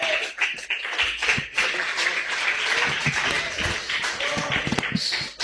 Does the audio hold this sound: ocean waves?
no